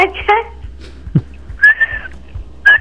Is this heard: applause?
no